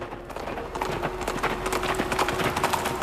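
A black horse's hooves gallop in a fast, continuous flurry of loud, overlapping thuds that run the whole clip, with a faint steady hum beneath and no voices.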